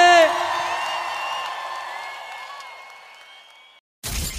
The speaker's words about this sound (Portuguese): só solta o grito que eu quero ouvir.